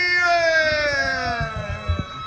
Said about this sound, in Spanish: Vamos a probar por Zapucay. Vamos a ver por Zapucay. ¡Zapucay, los hinchas de River!